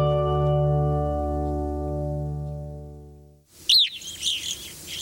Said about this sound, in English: This evening grosbeak is one of many birds drawn to feeders kept stocked by an estimated 65 million Americans.